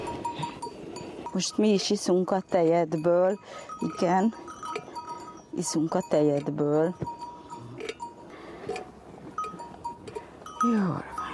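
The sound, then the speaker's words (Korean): Sheep bleat loudly, several long wavering cries in a row with short pauses between them, while the sturdiest sheep on the farm is milked in the morning, over faint background farm noise. “목장에서 가장 튼튼한 양의 젖을 짠다.”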